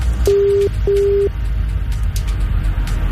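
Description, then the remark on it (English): A telephone ringback tone sounds twice in quick succession as a call is placed to a prize contest winner, a steady buzzing double ring heard down the line, followed by a low hum of line noise with no voices. “Okay, it is ringing. I can confirm it's ringing.”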